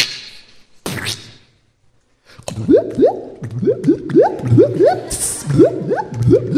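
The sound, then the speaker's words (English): Hot porridge in a big bowl bubbling and steaming thickly, with a steady run of gloopy plops and rising blurps in an irregular rhythm, following a short splat and a brief silence. No one speaks. “Ew, this is all bubbling and steaming.”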